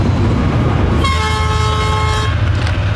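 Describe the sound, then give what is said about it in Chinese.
A train rumbles loudly and steadily as it passes through a railway station, and partway through it sounds a single sustained horn blast lasting just over a second before the heavy rolling noise carries on. “至此，这个火车站就空了啊。”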